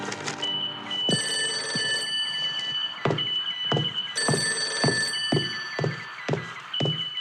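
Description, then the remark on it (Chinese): A telephone bell rings loudly and insistently in long metallic bursts, a call for Commander Xue, while sharp knocking thumps land at irregular intervals beneath it. No one speaks. “薛长官，文员长来电。”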